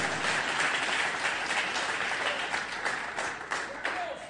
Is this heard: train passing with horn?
no